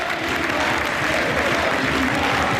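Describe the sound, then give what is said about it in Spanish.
Steady, sustained applause from the crowd at the Estadio de Vallecas for Rayo captain Óscar Trejo as he leaves the pitch through a guard of honour of Villarreal and Rayo players, a dense wash of clapping that holds at an even, loud level throughout with no pauses or single voices standing out. “El pasillo de jugadores de Villarreal y del Rayo, se acerca todo el mundo a hacer el pasillo a Óscar Trejo, que recibe este aplauso del Estadio de Vallecas.”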